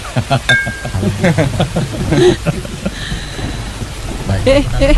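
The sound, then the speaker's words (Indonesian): Steady rain hisses in the background while people talk over it, a continuous wash of noise that never lets up through the whole stretch. “Hujan begini enaknya minum kopi.”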